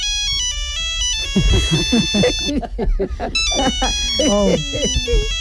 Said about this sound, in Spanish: ¡…! ¡El móvil! ¡…! Ya lo he escuchado, ….